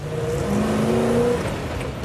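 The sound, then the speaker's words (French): A Range Rover's engine revs in a steady, throaty roar, with the pitch climbing briefly mid-clip before settling back into a constant rumble. No one speaks. “Écoute un peu ce son.”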